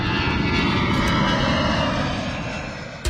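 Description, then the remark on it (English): A loud, steady roar of an aircraft engine passing overhead in the Ballina area of Australia, a dense rumbling drone that holds for a few seconds before easing slightly at the end, with no voices. “You may notice changes to where aircraft fly in your local area.”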